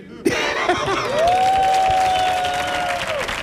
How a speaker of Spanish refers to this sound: Fuerte el aplauso para don Arcadio Yulupuki.